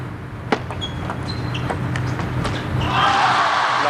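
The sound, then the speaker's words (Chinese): Brazil's Hugo Calderano serves against Wang Chuqin in a table tennis singles semifinal, followed by a quick rally: a series of sharp, bright ball clicks at an uneven pace over a steady crowd murmur that swells louder near the end. “雨果先来发球。”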